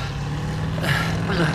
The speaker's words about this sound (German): Er steigt in ein Auto. Ein schwarzer Sedan. Verdammt. Er ist uns entwischt.